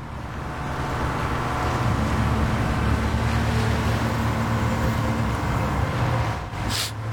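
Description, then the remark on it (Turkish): A boat engine drones steadily with low rumbling tones while wind and water rush around it as it crosses a rough sea, a continuous rough churning that holds for several seconds before a brief splashing burst near the end. “Denizin üstünde. Hadi bebeğim, lanet olsun lütfen. Lütfen bizi oraya ulaştır.”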